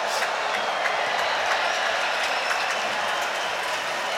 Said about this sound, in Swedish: Mer bifall. Och jag tror faktiskt att det här bifallet var till någon som hade släppt en sån här avlång ballong som man kan göra figurer av.